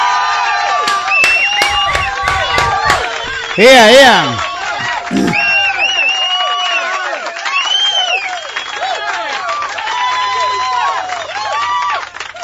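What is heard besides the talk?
crowd applauding and cheering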